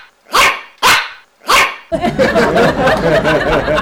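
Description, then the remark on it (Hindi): A small dog, the kind that appears in TV ads, gives three sharp, evenly spaced, loud barks, then a dense, busy wash of overlapping sound takes over. “पाजी मैंने बाहर देखा, ओए होए, एक छोटा सा चिब्बा सा कुत्ता जो टीवी में ऐड करता है, पाजी वो भौंक रहा था, और भौंक ऐसे रहा था जैसे सोन जुकाम छींके मारता है।”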